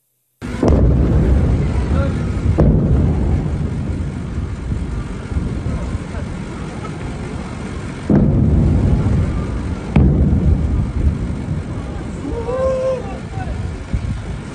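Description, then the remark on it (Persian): Several explosions at dawn on 24 Tir in Sirik, Iran, about four heavy booms spaced irregularly, each followed by a continuous deep roaring rumble, with faint voices rising near the end. “ویدیوی رسیده از مخاطبی به ایران اینترنشنال وقوع چندین انفجار را در بامداد 24 تیر ماه در سیریک نشان می دهد.”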